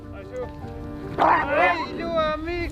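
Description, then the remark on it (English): Sled dogs in Greenland bark and yip in a noisy chorus, quieter at first, then a loud burst of overlapping high-pitched yelps and barks that continues. “For being a good dog sledder, you need to be the master of the dogs, and if not, they don't listen to you.”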